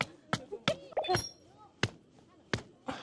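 Sharp, irregular thuds of a stone being used as a hammer to drive tent pegs while pitching a tent on a camping trip, about six hard impacts spread unevenly with pauses between them, with faint voices murmuring in the background.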